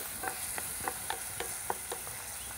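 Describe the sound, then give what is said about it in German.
A utensil stirs food in a sizzling pan, with a steady hiss of frying underneath and a series of light, irregular scraping clicks roughly every quarter second. No one speaks. “Achso, darf ich das eigentlich rühren?”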